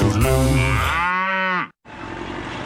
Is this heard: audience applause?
no